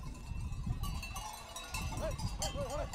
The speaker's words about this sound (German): Nun gehört das Gelände den Schafen. Über Nacht bleiben die Tiere in einem Gatter, um sich für den nächsten Tag auszuruhen.